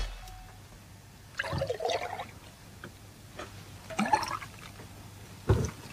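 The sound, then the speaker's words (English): Milk pours from a jug during a game in three short, splashy bursts with quiet gaps between them, moderately loud over a low steady background hum. “The pouring will commence now.”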